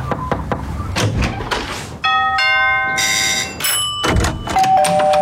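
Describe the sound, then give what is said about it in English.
A few sharp knocks are followed by a loud, ringing doorbell chime with two or three bright tones that linger and overlap before fading, with no voices. “Come on in. We open our doors to people we trust and care about.”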